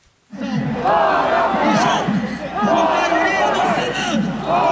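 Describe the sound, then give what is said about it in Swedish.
A large crowd of opposition demonstrators on Avenida Paulista, Brazil, on Independence Day chants "out with Moraes" in unison, loud massed voices repeating the phrase in rhythmic waves after a brief moment of quiet. “Det är Brasiliens självständighetsdag och folkmassan på Avenida Paulista skriker ut med Moraes gång på gång medan talarna på scenen avlöser varandra.”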